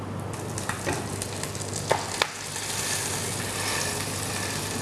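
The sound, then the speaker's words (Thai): Steady crackling sizzle of fish frying skin-side down in a hot pan, pressed so the skin sits flat against the pan, dense, with a few sharper pops and scraping touches early on, and no one talking. “ในตำราของนักเรียนอาหารฝรั่งเขาจะบอกกันไว้ว่าเวลาเอาปลาลงแล้วเนี่ยให้กดปลาไว้สักพักหนึ่งเพื่อที่ว่าหนังจะได้แนบสนิทไปกับตัวกระทะ”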